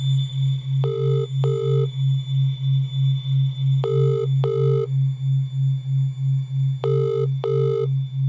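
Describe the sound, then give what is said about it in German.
A mobile phone's ringback tone as a mother and her son try to reach the boy's father, ringing in three double bursts about three seconds apart with no answer. A steady low electronic hum runs underneath the whole time. “Sie hat ein Handy und gemeinsam versuchen sie, Brads Vater zu erreichen”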